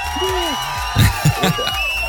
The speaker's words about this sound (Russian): Эти аплодисменты тоже для тебя